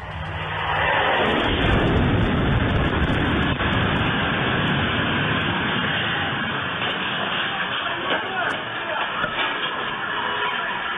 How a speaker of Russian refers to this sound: Вчера нас всех вряд ли удивило, что после внезапного, но очень важного поста американского президента о том, что он добился энергетического перемирия между Россией и Украиной, в ту же самую минуту в нашем небе летали российские реактивные шахеды.